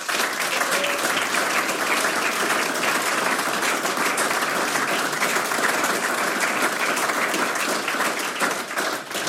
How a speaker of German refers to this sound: Auch für unser Zoom-Team bitte einen großen Applaus.